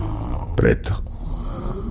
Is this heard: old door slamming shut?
no